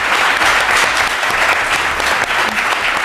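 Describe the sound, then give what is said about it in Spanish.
Loud, sustained audience applause at a show in Murcia fills the whole stretch, a dense wash of many hands clapping with no pauses or speech over it. “¿Le pueden dar un aplauso”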